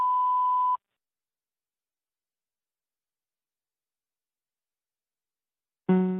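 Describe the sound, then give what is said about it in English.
A single steady electronic beep, about three-quarters of a second long, like a voicemail recording tone, followed by several seconds of silence before a brief, buzzier sound cuts in at the end. “Please leave your message after the beep.”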